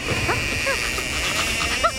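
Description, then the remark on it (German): A few short, high-pitched yelping barks from a dog named Schorschen, pinched to make him bark, break through a steady, noisy background hiss, the last one sharper and louder than the rest. “Kneif ihn, damit er bellt.”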